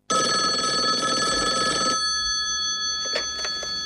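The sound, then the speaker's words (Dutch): An old-fashioned telephone bell rings loudly with a continuous metallic trill for about two seconds as the federation calls the Jamaican team, then stops, leaving a faint electronic hum with a couple of soft clicks, no voices present. “En even later krijgen ze een telefoontje van de bond.”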